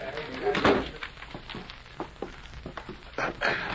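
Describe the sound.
An office door swings shut with a solid thud early on, followed by a few lighter knocks and shuffling, with muffled voices murmuring throughout.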